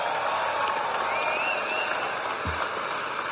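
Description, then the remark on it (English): A crowd at an NFL enshrinement weekend cheers and applauds the almost 120 returning enshrined players in a steady, dense roar of clapping and voices that holds at an even loudness for several seconds, with a few whoops rising above it. “You can cheer louder than that.”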